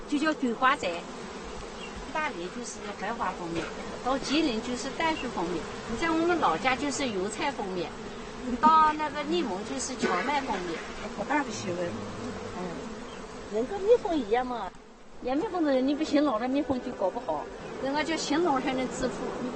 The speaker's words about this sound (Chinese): 但令人诧异的是，工蜂们这时候却完全无视这个消息，在蜂门口焦急不安，爬来爬去，这不正常，蜂群里。 一定发生了什么事情？